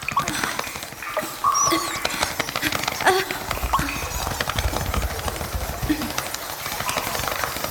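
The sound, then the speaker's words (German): A dense chorus of high, chattering squeaks and chirps from hundreds of young noctule bats calling for their mother, overlapping continuously with rapid rustling and scrabbling, fairly loud and steady throughout, no speech. “Das sind die Kleinen, die nach ihrer Mutter rufen.”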